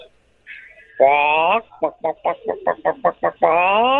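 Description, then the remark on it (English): A human voice imitates a chicken at a lower pitch, as requested: a long drawn-out squawk, then a quick run of about seven rhythmic clucks, ending in another stretched call, loud. “Wow, it's beautiful work, but can I get the same chicken sound effect, but with a lower pitch?”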